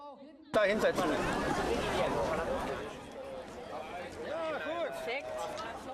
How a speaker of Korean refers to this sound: 관중들은 하나같이 경기가 시작되길 기다립니다.